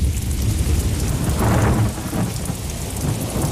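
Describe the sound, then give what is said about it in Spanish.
Steady heavy rain hisses throughout while deep thunder rumbles low underneath, swelling into a louder roll midway before settling back into the downpour. No voices are present. “tras la tormenta y cuando el cuerpo aún está notando la humedad alrededor.”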